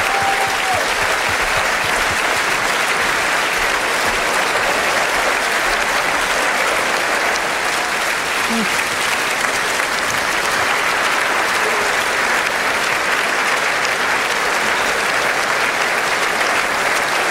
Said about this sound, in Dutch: Ik denk dat het een erg mooi concert was. En ook de koning en de koningin staan nog altijd rechtop te klappen in hun koninklijke loge.